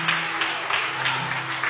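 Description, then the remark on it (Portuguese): An audience applauds to the Lord, a dense, steady wash of many hands clapping with a faint rhythmic pulse running through it, holding at an even loudness throughout with no voices. “Se quiser aplaudir, quer aplaudir ao Senhor, aplauda.”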